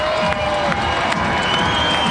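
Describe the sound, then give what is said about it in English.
A big baseball stadium crowd roars in a loud, dense wall of cheering and shouting that holds steady throughout, with scattered whistles rising above the din, as the Fisher Cats are down to their final strike against the Somerset Patriots in the final game of the season. “Crowd getting loud, a game that will be concluded with fireworks after.”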